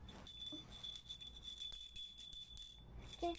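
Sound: small bell ringing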